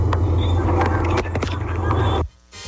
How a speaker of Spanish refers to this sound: Envían solamente el sonido del carro.